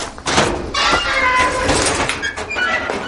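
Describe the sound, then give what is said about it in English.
A man swings open his garage door in the village of Conte in southeast France to get his climbing gear, with a long, squealing creak of metal hinges and a rumbling scrape, fairly loud, lasting a few seconds with no one speaking. “swings open his garage door in the village of Conte in the southeast of France and begins rifling through his climbing gear.”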